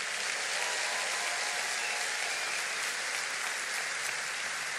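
An audience claps steadily throughout, a dense, continuous wash of many hands with no individual claps standing out and no voices heard over it.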